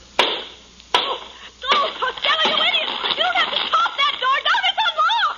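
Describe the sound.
Two sharp, heavy blows of an axe hacking into the wooden door of a burning bedroom to get a trapped man out land about a second apart, followed by excited voices talking.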